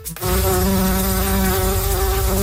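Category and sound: insect, bumblebees buzzing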